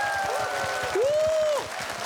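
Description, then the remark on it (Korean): An audience applauds steadily for about two seconds, a dense patter of many hands clapping, with a sliding whistle-like tone rising and holding over the middle of it. “네, 여러분 박수 네. 부탁드리겠습니다.”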